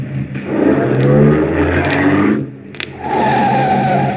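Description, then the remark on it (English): A car engine roars as it accelerates, loud, with a brief lull near the middle before the motor surges again, as the car pulls up behind another car it is chasing. No one speaks. “Hey, you want us to slow down? No. Pull up behind him.”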